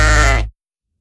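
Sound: sheep bleating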